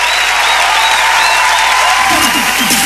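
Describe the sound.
Loud, dense applause from a large crowd, steady and close throughout, with cheering voices and whistles rising above the clapping.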